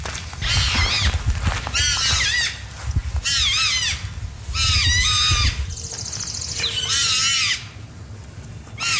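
At 5 o'clock on a Saturday morning by a road in Seaforth, Nova Scotia, a porcupine gives a run of about six loud, high, wavering whines and squeals, each lasting roughly a second, with brief pauses between and a low rumble underneath. No one speaks.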